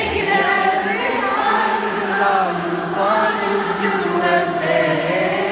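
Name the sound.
concert crowd singing along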